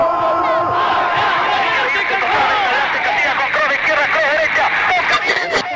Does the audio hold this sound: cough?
no